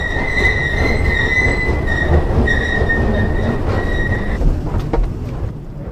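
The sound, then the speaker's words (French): A metro train rumbles loudly through Rainerie metro station, steady heavy low roar with a high metallic wheel squeal that whines for several seconds, then cuts off as the rumble starts to fade. “Donc voilà, nous venons de sortir du métro Rainerie.”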